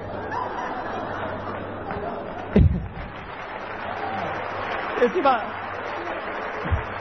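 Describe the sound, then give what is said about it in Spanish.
An audience claps in a steady, dense patter, with crowd murmur mixed in, a low hum underneath and a few sharper knocks standing out from the applause. “Aplauden porque caminé 60 cuadras.”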